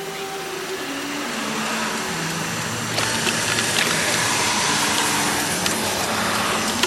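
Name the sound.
car engine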